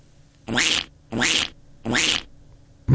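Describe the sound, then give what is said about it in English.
A duck quacking sound effect: three loud, harsh, raspy quacks in a steady rhythm with short pauses, a fourth starting as it ends. No one speaks. “Is that a duck? Apparently it's a duck. Great sound effect, mate.”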